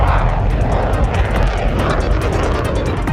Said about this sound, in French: Là, on va avoir vraiment comme des chutes d'appel de puissance où il faut libérer de la vapeur de façon assez violente pour propulser un avion.